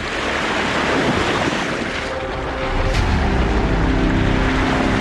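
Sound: ocean waves at night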